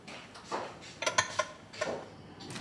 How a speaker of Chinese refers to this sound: 就几个碗，我手洗一下。